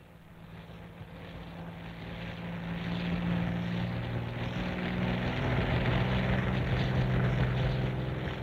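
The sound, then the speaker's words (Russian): A propeller airplane on a forest pasture drones steadily, its low harmonic hum rising slightly in loudness and holding a constant throbbing pitch throughout, with no voices. “Сквозь кустарник на лесной выпасе зачернел самолет.”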